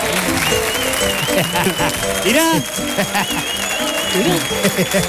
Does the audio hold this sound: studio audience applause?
yes